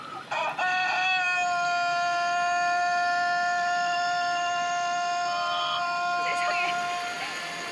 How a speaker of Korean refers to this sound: 울기 시작하더니 끊이질 않네요. 이렇게 긁게 우는 닭이 있다니.